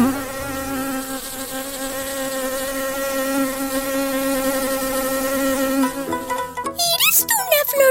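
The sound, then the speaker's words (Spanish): A steady, droning mosquito buzz hums continuously for about six seconds, fairly loud, then breaks off into a burst of quick, chirpy squeaks and whistles near the end. No one speaks. “¡Soy una planta carnívora! Y siguió cazando mosquitos.”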